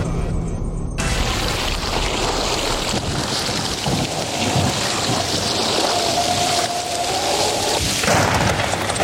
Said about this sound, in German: Das war wohl eine Fehlschaltung. Das war nicht Wetter an der Ruhr, sondern Unwetter an der Ruhr.